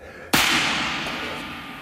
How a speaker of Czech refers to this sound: Kapitáne! Kapitáne! 2 výstřely. To bylo po vás? Vypadá to tak. Kdo to byl? A odkud?